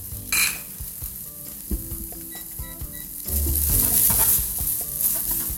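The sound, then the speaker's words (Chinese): Fried rice with vegetables, including king oyster mushroom strips, being stir-fried: a metal spatula scrapes and clacks against a wok over a steady sizzle, which swells into a louder, hissing crackle partway through. No one speaks. “对对对对，炒饭就是一个很好清冰箱的一个料理。”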